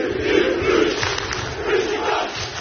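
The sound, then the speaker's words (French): A large football stadium crowd in Turkey chants and roars in a dense, sustained wall of voices with a pulsing rhythm, loud throughout and hostile in tone, with no single voice standing out. “C'est tout le stade. Dès le début à l'échauffement, tu sens une effervescence vraiment que bah, ça va être un match compliqué.”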